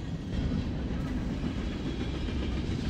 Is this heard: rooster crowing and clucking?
no